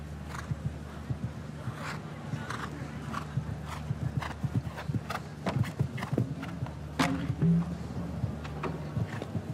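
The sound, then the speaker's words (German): Horse hooves drum steadily in a quick, rhythmic clip-clop over a low background hum as a horse canters a show-jumping course, the thuds clear with a few sharper knocks scattered among them. “Hinterhandfehler, da hat sich das Pferd noch ein bisschen mehr festgehalten, auch im Rücken.”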